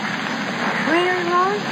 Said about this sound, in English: You never tried asking me under such romantic conditions as this. Sorry night, the deck of the ship, wild waves singing.